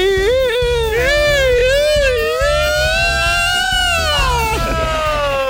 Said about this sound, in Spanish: Y había una alarma ahí llorando.